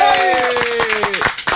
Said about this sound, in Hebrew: שנייה, שנייה עם הכפיים, שנייה תחכו רגע. נו, כפיים!